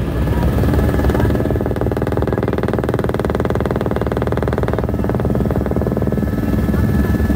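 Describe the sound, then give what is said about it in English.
A helicopter flying through a gorge towards Betrawoti drones steadily throughout, its rotor producing a dense, rapid thumping pulse over a loud low engine roar, with no voices present. “As we resume our flight, the pilot points out another helicopter above us.”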